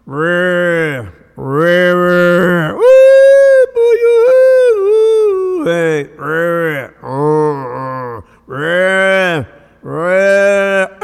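Calves bawl and cattle low close by in a loud, steady series of about ten drawn-out calls with brief pauses between, including one long, higher-pitched wavering cry near the middle.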